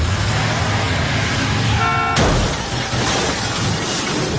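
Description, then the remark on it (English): A car chase: roaring car engines fill the scene as a horn blares briefly, then a sharp crash and shattering burst cuts in, followed by continued loud traffic rumble and noise. “But the thing is that his character too, he has to be a big driver because there's a chase, a car chase.”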